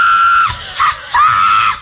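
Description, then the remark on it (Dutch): A loud, piercing human scream from a listener in a radio screaming contest, held at a steady high pitch, breaking off briefly in the middle before a second long, sustained shriek. No talking is heard. “Ja, die konden behoorlijk wel wat decibels produceren.”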